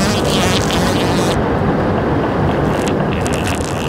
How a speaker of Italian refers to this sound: Con questi caldi torridi e il cambiamento climatico, pensa a quante vite umane potrei salvare con dei condizionatori che funzionano a gas intestinali. Ecco, guarda, si sta accendendo.